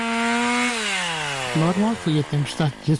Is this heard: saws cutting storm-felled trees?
yes